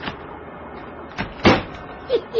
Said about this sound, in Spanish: Y el doctor Kiro sube con su ayudante Hato a otro auto estacionado cerca de unos almacenes solitarios a esa hora de la madrugada.